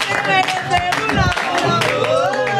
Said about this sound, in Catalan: Un gran aplaudiment, moltíssimes gràcies.